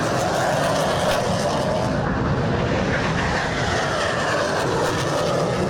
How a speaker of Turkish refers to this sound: Hava Kuvvetleri Komutanlığı kuruluşunun 115. yılını İzmir Çiğli'de düzenlenen Gençlik ve Havacılık Festivali ile kutladı. Gökyüzü önce Gökbey'in pervane sesleriyle yankılandı, Hürkuş ve Hürjet peş peşe havalandı.